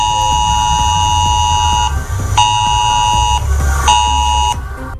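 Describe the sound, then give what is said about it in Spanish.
A harsh, buzzing emergency alert tone from a mobile phone blares loudly in long bursts with short gaps between them, steady and piercing, with no voices. It is a public emergency warning sent to phones near the port of Santander, Spain, during a chemical-risk drill. “Es que es una de las sirenas de aviso a la población para casos de emergencia en el puerto de Santander.”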